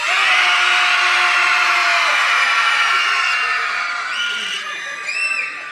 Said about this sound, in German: 97 Dezibel müsst ihr jetzt übertreffen. Jetzt schreit mal so laut ihr könnt. Ich gebe euch ein Signal. Fertig? 1, 2, 3.